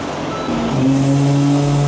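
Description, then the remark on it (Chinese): At seven in the morning, a sanitation truck pulls into the garbage transfer station of the Wanli Wangfujing Welltown mall in Tongzhou District to collect sorted waste, with a loud, steady engine rumble; a droning tonal whine rises partway through, holding to the end. No one speaks. “环卫车辆进场，有序完成垃圾分类清运。”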